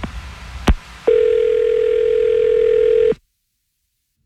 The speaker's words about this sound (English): I'm going to dial his phone number right now, and hopefully we can figure this out for you, okay?